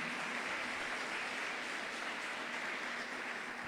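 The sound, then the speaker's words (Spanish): A crowd applauds steadily for the Lord, a dense, continuous wash of many hands clapping at once, fairly loud and sustained throughout with no voices standing out. “Dele ese fuerte aplauso al Señor en este tiempo.”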